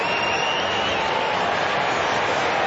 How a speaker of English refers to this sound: All clear. Goal to Fremantle. Margin back to 28. Crowd not happy.